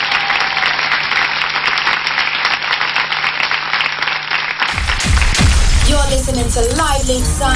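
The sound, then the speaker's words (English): A crowd applauds the dancers and everyone who took part in the broadcast in a dense, steady roar of clapping for about five seconds, then it cuts off abruptly and voices start talking over a busier background. “les danseuses, on les applaudit tous très très fort.”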